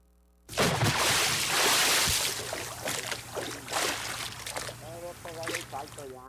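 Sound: bucket of water splashing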